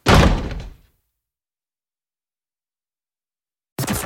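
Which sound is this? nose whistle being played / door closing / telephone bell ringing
door closing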